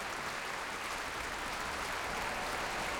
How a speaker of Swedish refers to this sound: En stor del av publiken här i Bävelhallen står upp nu faktiskt och applåderar. Och det är fullsatt. Det är fullsatt både på scen och fullsatt på parkett och på balkonger.